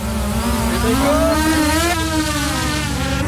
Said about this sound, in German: Das nächste Team startet eine Angriffsdrohne. Bereit!